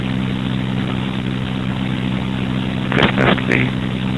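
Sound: garbage truck engine running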